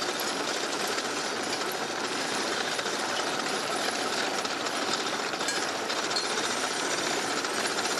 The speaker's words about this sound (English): I'm going to shut up now because I just want you to listen to the sound of horses mowing a meadow